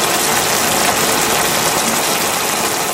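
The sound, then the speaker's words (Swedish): Bacon sizzles in a pan, a steady, dense crackling hiss with bright, grainy pops spread evenly throughout, holding the same loudness for the whole three seconds with no voices. “Och ni ska då säga, är det här ljudet av regn eller är det bacon som steks?”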